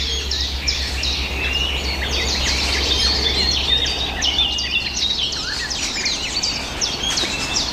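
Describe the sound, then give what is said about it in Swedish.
Blackcap contact calls, short hard smacking notes repeated irregularly as the birds forage and move in a tree, amid a busy chorus of other chirping birds, over a steady low hum with no one speaking. “Det som smackar där, det är svarthättans lockläten.”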